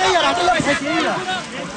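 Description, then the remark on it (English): Many villagers' voices shout and call over one another above a steady wash of rushing water in a spring stream during a festival, the loud, overlapping cries rising and falling without pause. “In the middle of the rushing water and shouting crowds, a villager lifts his basket and shouts, "I caught it today.”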